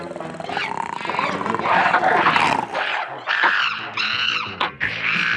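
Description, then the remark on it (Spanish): Loud, continuous beastly growling and snarling of the red ape-men, giant creatures of Mongo covered in red hair, rough and throaty with harsh roaring bursts, several creatures overlapping for the whole stretch. “Los hombres mono rojos, criaturas gigantes cubiertas de pelo rojo, con fuerza brutal y mirada feroz.”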